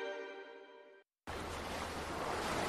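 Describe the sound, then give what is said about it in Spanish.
A brief steady tone cuts to silence, then a loud, continuous rush of ocean surf fills the rest, a dense hissing wash like waves breaking on the shore. “Las olas que llegan a las costas nos dan aire, alimento y equilibrio.”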